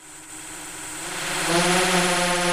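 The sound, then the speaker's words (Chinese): A field-patrol agricultural drone's propellers buzz with a steady, high-pitched whine that grows louder over a couple of seconds as it takes to the sky over rice paddies to survey crop growth, weeds and dry patches. No one speaks. “另一套巡田无人机上了天，水稻长势，哪里长草，哪里缺水，飞一圈全看清了。”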